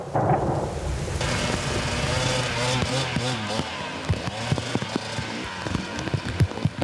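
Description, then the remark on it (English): Heavy rain, turning to ice, pours down in a steady, dense hiss, with muffled voices and an intermittent motor-like drone mixed in over it, plus a few sharp knocks near the end. “It's just dumping rain and it's ice now.”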